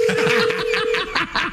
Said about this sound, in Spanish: Deja que timbre primero el teléfono.